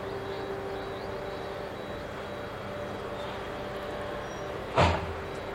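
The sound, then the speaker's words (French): A truck's engine drones steadily with a low rumble and faint whine, then a sharp hiss or clunk near the end as it stops near a monument erected in 2006 for the disaster's 20th anniversary, before the concrete sarcophagus covering a reactor core. “Le camion s'arrête près du monument érigé en 2006 pour les 20 ans de la catastrophe.”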